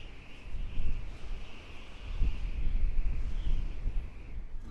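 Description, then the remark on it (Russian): A steady gust of icy wind roars for several seconds, with a deep rumbling base and a thin, sustained whistle riding above it, swelling and easing slightly but never stopping. No voices. “А ледяной ветер подхватил его и понес в неизвестность.”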